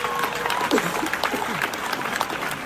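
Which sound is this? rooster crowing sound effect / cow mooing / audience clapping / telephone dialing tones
audience clapping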